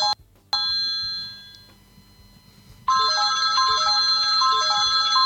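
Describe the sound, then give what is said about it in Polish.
A wake-up alarm goes off: a couple of brief electronic beeps and a fading chime, then a loud, bright melodic ringtone pattern repeating steadily until the end, with no talking. “Myślę, że naprawdę alarm jest dość donośny, więc nie powinno być problemu z tym, żeby wstać.”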